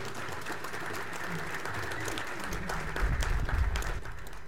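A crowd applauds steadily, a dense wash of many hands clapping with no distinct rhythm, swelling louder near the end before settling back.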